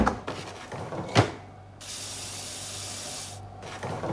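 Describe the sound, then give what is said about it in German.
Water runs from a tap in a steady hiss for about two seconds, refilling the ice cube trays from a freezer, after some light clinks and a sharp clunk. No one speaks. “Ich muss die Eiswürfelbehälter in meinem Gefrierfach auffüllen.”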